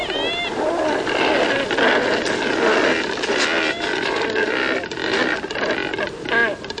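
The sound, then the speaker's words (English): Cormorants croaking at their neighbors: many harsh, guttural calls overlapping in a loud, continuous chorus, with a few higher, wavering cries breaking through near the start and end. “They catch their prey efficiently, letting them spend most of their day loafing around, drying their feathers in the sun, and croaking at their neighbors.”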